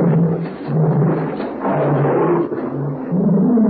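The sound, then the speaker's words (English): A pet tiger roars in long, deep, rumbling bursts that swell and fade over several seconds, loud and gravelly with a low growling tone throughout and no voices. “It seems to be an animal of some kind. Never heard anything like it before. That's my pet tiger.”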